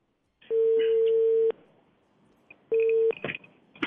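A telephone ringback tone: a steady, buzzy tone sounds for about a second, pauses, then starts again briefly before being cut off by clicks and line noise, like a call connecting.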